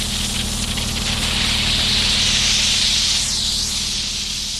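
A steady, loud hiss of steam jets from a cleaning machine meant for removing chewing gum residue, the steam produced by pressing three buttons, with a low mechanical hum underneath, continuous for several seconds.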